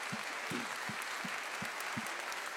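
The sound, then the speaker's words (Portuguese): A crowd applauds in a dense, steady wash of clapping, with a regular low thump pulsing underneath about three times a second. Nobody speaks. “Mais um aplauso, hein?”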